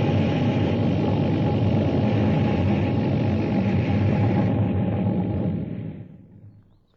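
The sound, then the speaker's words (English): A flying saucer burns down through the sky over Washington, D.C., hovering over the mall and descending with a loud, steady, rumbling roar that holds for several seconds, then winds down and fades to near silence as it lands on the grass. “Burning down through the sky over Washington, D.C., hovering over the mall. Descending.”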